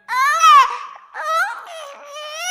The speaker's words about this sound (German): Ich hab ein Baby, das kann so gut schreien, schreien, schreien.